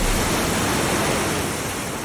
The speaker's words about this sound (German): Es rauscht einfach nur. Ja, ich gebe mal einen Tipp, ist das Rauschen von der Leinewelle? Dann ist es hier, Rapid Surfen. Absolut richtig. Rapid Surfen auf dieser künstlich angelegten Surfwelle an der Leine, da surfen die und müssen da Tricks machen,